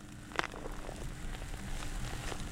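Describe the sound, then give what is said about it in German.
The first scattered raindrops patter lightly on a peanut field in early September, with one sharper drop standing out early among soft, irregular taps over a low outdoor rumble. “Als wir das Erdnussfeld Anfang September betreten, fallen bereits die ersten Regentropfen.”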